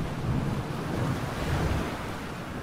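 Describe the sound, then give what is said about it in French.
Rough sea waves surge and crash against a boat hull at 4 a.m. in heavy rain, in a steady, loud, churning roar, with wind rushing over the microphone and no voices. “4 heures du matin, la mer est déchaînée, des vagues martèlent la coque.”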